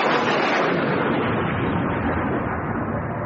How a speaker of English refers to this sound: Is that him? No, just chucking it down with rain again.